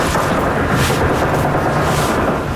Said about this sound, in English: Some gunfire in the background.